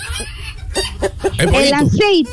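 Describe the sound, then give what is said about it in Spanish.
A chicken clucks: a few short, clipped clucks, then a louder run of rising, squawky clucks, with a voice faintly mixed in underneath. “El pollo, atención, pollo entero, pollito.”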